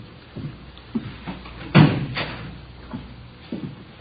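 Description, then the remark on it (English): The door of room 26, the chief of detectives' office, shuts with a single solid thud midway through, surrounded by a few softer knocks and shuffling sounds against a low background hum. “Did you close the door, Friday?”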